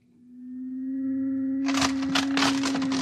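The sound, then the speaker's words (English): A hole being burned through a door: a steady low electric hum rises in volume, then a loud, harsh hiss with sputtering crackles bursts in over it and keeps going. “He's burning a hole right through the door.”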